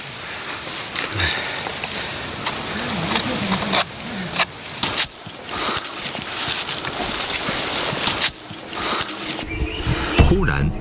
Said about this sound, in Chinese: 传来一阵骚动，随着树枝的剧烈晃动，猴子的身影出现了。